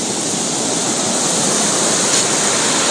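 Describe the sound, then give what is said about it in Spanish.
A loud, continuous roar of heavy ocean surf on the Costa Grande of Guerrero, Mexico, during Hurricane Polo: strong waves that destroyed beach restaurants. A dense wash of water noise stays steady throughout without distinct breaks between waves. No voices are heard. “se observa la afectación a restaurantes de playa que el fuerte oleaje destruyó.”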